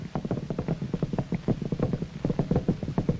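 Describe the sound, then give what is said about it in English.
Rapid, steady drumming of horse hooves, like several racehorses galloping past, a dense run of muffled thuds filling the whole stretch with no talking. “These horses are trained for the racetrack from the time they are colts.”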